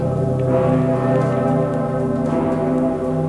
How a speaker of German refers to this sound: Ja, beim dicken Pitter. Der läutet ja nur zu ganz besonderen Anlässen, zum Beispiel an Weihnachten. Oder dieses Jahr auch an meinem Geburtstag.